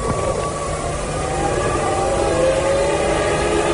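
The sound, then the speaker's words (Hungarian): Air horns blown by tens of thousands of German and Italian fans blare continuously at a Formula 1 race circuit in Hungary on the last lap, as Michael Schumacher nears victory; several sustained wavering tones overlap above a loud, steady wash of crowd and track noise. “És már szólnak a dudák, már szólnak a dudák.”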